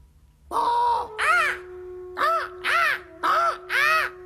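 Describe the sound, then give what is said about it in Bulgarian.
A bird calls out in a series of six harsh, crow-like caws, loud, coming in a steady rhythm with short gaps between them and no voices over it. “Птица!”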